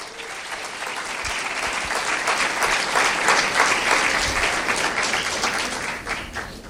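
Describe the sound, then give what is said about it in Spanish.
Sustained audience applause for the Bible, a dense wash of many hands clapping steadily at a fairly loud level for several seconds, swelling slightly in the middle before easing off, with no speech. “La Biblia merece un aplauso.”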